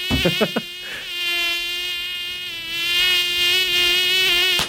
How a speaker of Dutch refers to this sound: Ja. Of is het echt een mug? Oh, wait. Oh, net ernaast.